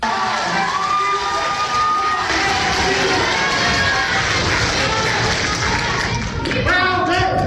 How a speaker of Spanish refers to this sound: Mientras que en Zacatecas la dirigencia informó que la senadora con licencia Verónica Díaz Robles había ganado la encuesta, se escucharon nuevamente los gritos de fraude y muera el monrealismo.